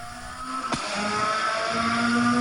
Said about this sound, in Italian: Sentiamo anche il suono dei motori.